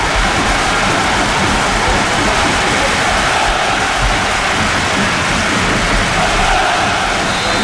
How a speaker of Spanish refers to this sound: El sonido es el de la lluvia. Es el de la lluvia. Sí.